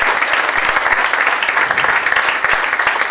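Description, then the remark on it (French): An audience gathered for a special evening breaks into loud, sustained applause for the Lord, a dense wash of many hands clapping steadily throughout with no talking over it. “J'aimerais qu'on applaudisse le Seigneur bien fort, puisqu'il est l'invité d'honneur au milieu de nous ce soir.”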